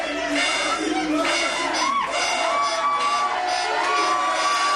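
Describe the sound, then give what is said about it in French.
A loud crowd of football supporters cheers and shouts together during a match against Portugal, a dense roar of many voices with rising whoops and yells that stays strong throughout. “La déception après le but portugais à la 6e minute, puis l'explosion de joie lors de l'égalisation.”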